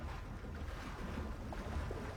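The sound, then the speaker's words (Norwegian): Gentle waves lap against a boat hull in Egypt, by the Colossi of Memnon, a steady low wash of water with a soft breezy hiss over it, continuous, with no voices. “Men der Per Gynt hørte Memnon-støtter synge, hører Henrik bare lyden av bølgeskvulp.”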